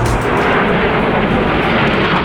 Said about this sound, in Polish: Wielozadaniowe maszyny przeleciały wcześniej nad naszym krajem od Gdańska przez Warszawę, Łódź i Kraków.